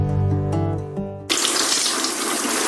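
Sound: water pouring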